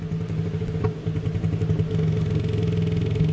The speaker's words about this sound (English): Back to the sperm whale. Oh, boy. Loudest animals clicking at 230 dBs. And I found this. All right, hold on. Playing it off your phone.